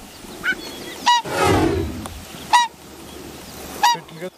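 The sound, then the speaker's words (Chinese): A pair of adult whooper swans give urgent alarm calls as they rush back to their island nest because their cygnets are in danger: four or five sharp, bugling honks spaced irregularly, with a brief rushing, splashing burst between the early calls. “就在考察队员准备返回时，忽然听到了急促的叫声。”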